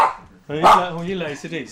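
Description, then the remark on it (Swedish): A small dog in a house barks loud and high-pitched, giving a drawn-out yappy bark followed by a shorter second one. “Den är inte så stor, men den låter mycket.”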